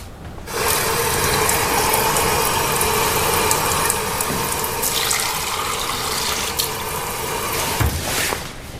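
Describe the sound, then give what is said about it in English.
Water runs steadily from a tap, a loud, continuous rushing hiss that starts abruptly and flows for about eight seconds before cutting off, with no voices over it. “Pure water, anytime I want it, day or night, free of charge.”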